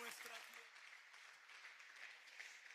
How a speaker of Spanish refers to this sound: Oh, dele fuerte el aplauso al que vive.